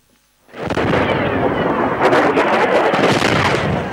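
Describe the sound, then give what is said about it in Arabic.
A sudden, sustained roar of heavy blasts begins after a brief quiet, with rumbling booms and crackling bursts overlapping continuously, loud and dense: successive explosions around Sanaa International Airport in Yemen as Yemeni armed forces strike the runway. “القوات المسلحة اليمنية استهدفت مدرج مطار صنعاء الدولي لمنع هبوط طائرة إيرانية جديدة وسط دوي انفجارات متتالية هزت محيط المطار.”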